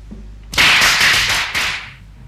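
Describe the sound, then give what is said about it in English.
Firecrackers go off in a rapid, loud string of sharp crackling pops, a short burst followed by a second volley after a brief gap, with no voices. “Firecrackers? They're banned in Hong Kong.”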